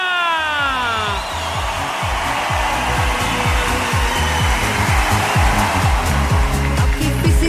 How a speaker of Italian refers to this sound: E lo voglio sentire l'applauso, Oceania Arta!